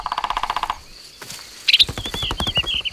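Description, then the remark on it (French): A woodpecker with green feathers, a red head and a long beak taps its beak on a tree trunk, drumming out a fast, even burst of hollow taps, goes quiet, then starts a second rapid rattle while high, thin chirps ring over it. “Regarde, c'est un oiseau qui fait ce bruit.”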